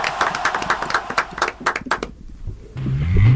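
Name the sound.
audience applause and cheering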